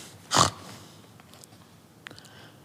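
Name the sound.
pigs grunting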